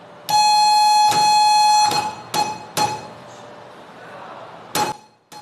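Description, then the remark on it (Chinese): Morse code signal tones played in a shortwave radio telegraphy training class while students write down the code: a loud, steady high-pitched electronic tone sounds in two long stretches, followed by several sharp clicks and taps over a faint murmuring background. “课堂上，大家手持记录纸笔，捕捉电码信号，反复背诵字符对应规则，在实操中感受传统通信技术的严谨与不易。”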